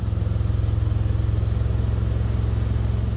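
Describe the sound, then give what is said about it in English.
The engine of a small, boxy white Fiat car running on ethanol, with a ladder strapped to its roof, runs steadily with a low, rhythmic rumble and a constant pulsing hum, moderately loud, with no voices. “He's driving a small, boxy white Fiat with a ladder strapped to the roof.”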